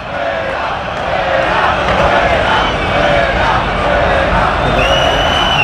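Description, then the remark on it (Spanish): A dense football crowd at Vallecas roars and chants continuously, a steady wall of many voices with rhythmic surges of singing, and a few higher whistles or shouts rising near the end. “Y así suena Vallecas.”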